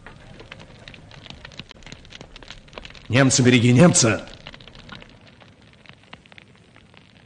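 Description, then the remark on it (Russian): Steady dense crackling and popping of dry reeds burning fills the background throughout, with a man's loud shouted voice breaking in briefly midway over the fire. “Сухой тростник трещал от жара и вспыхивал, как порох.”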